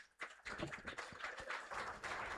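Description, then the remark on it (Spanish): A crowd breaks into steady applause after a brief hush, for a performer from Minas appearing on stage, a dense wash of many hands clapping at once that holds strong and even to the end. “¡Fuerte, fuerte ese aplauso!”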